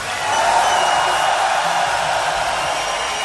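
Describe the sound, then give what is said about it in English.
A crowd roars and applauds in memory of Chris Cornell, in a loud, steady wash of cheering and dense clapping that holds without a break for several seconds, with no clear voice speaking. “We'd like to take a moment and ask you all to give an incredible roar of applause in memory of the great Chris Cornell.”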